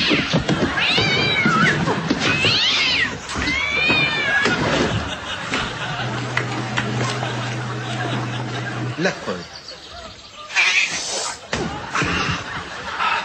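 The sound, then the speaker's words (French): A cat lets out several loud, drawn-out meows and yowls, wavering in pitch, with people talking over and between the cries. “N'oubliez pas de faire bouillir votre chat.”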